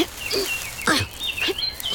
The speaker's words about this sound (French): J'entends le chant d'un moineau.